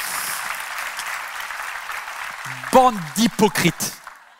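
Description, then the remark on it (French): An audience applauds in a steady, dense wash of clapping for a couple of seconds, then fades as a man begins speaking loudly in short, emphatic bursts over the dying claps. “Vous applaudissez quelque chose que votre tête dit oui, mais pas vos tripes.”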